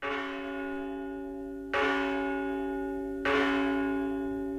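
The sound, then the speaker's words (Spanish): A large church bell of Virga la Mayor tolls in slow, steady strikes, calling to mass, each deep, resonant clang ringing out and fading into the next. The bell sounds loud, with no voices present. “Estas son las campanas de Virga la Mayor llamando a misa.”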